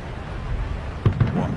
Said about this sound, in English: It sounded like fireworks off in the distance. I think a Civil War reenactment. Ooh, cannons? I don't. Yeah, maybe. Muskets.